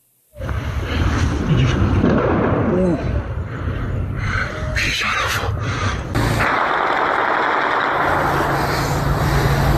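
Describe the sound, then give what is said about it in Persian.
Several sharp gunshots from military weapons crack out irregularly over a loud, continuous din of outdoor commotion, with voices shouting throughout, as people are shot at during the January crackdown in Isfahan province, Iran. “مردم دارن با تیر جنگی میزنن.”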